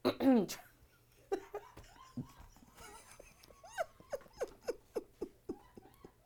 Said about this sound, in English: I can't even clear my throat no more, man.